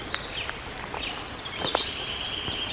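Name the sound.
birdsong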